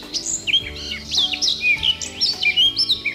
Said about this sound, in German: Also, jetzt und hier bei uns auf BR Schlager die Top 3 der beliebtesten Vogelstimmen laut Universität Tübingen. Platz 3 geht an die Mönchsgrasmücke.